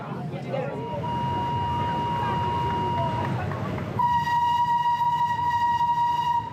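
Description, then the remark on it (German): A train rumbles in steadily with low mechanical noise and squealing wheels as it arrives at Palena station around midday, then a loud sustained horn blares near the end, with voices faintly mixed beneath. “Es ist gleich Mittag und wir erreichen die Stazione di Palena.”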